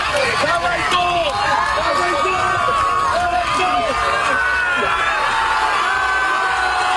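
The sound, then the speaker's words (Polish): A large crowd on the beach at Dziwnów, Poland, cheers and shouts nonstop at the finish line of a swim across the Baltic Sea, many overlapping voices calling out and whooping, loud throughout, with a steady roar of excitement. “Meta znajdowała się na plaży w Dziwnowie. Tam przywitały go tłumy.”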